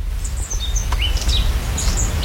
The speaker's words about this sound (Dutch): Ik hoor wat vogeltjes. We staan hier in een prachtige tuin, vlakbij een kasteel.